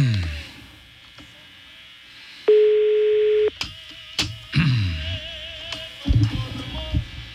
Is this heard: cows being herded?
no